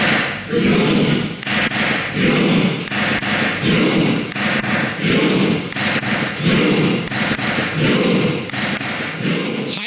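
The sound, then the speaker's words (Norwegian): Members of the Norwegian parliament in the Storting chamber perform the Norwegian football World Cup battle cry, chanting in unison to a steady beat, each loud shout landing with a heavy thump about once a second, repeating evenly without a break. “Ja, Norge, det norske kampropet under fotball-VM har blitt en snakkis, og videoen av Stortingssalen har gått viralt med 1 million klikk I amerikansk presse, og delinger også I India Today.”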